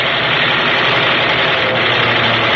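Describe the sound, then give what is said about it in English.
A fighter plane's engine roars loudly and steadily as it roars past, a dense, rumbling drone with a gritty high hiss that holds constant throughout, with no voices. “Jeff is firing into him as he roars past.”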